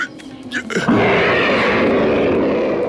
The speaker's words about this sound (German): Und wieder brüllte der Panther durch den hohlen Baumstamm.